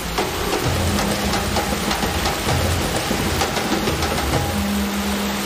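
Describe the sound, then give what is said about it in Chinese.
Heavy simulated rainfall of 10 mm per minute pours down in a shower test laboratory used to test firearms. It is a steady, dense hiss of water striking hard surfaces, loud throughout, with a faint low mechanical hum underneath and no voices. “我们的淋浴实验室呢，它也是模拟大自然，就是每分钟10毫米，就跟着我们的大暴雨一样，说白了就是类似下雨的大暴雨那种天气一样，就是要考核我们的枪械在那个环境下它的激光动作啊、性能的这些不得到衰减”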